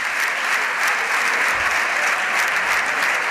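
Sustained applause in the Spanish Congress chamber, an ovation for Pedro Sánchez as he enters, from the Socialist Party benches and ministers; a dense, steady clapping that stays loud and even throughout without any speech over it.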